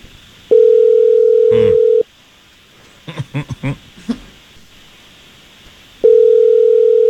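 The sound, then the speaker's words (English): A steady telephone dial tone sounds loudly for a second and a half while a call is being placed, followed by a short burst of quick dialing beeps and clicks, then the tone returns at the end. “I just need you quiet here while we try to get Chelsea on the phone”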